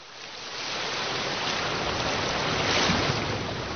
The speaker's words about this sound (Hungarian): Hallgasd a tengert!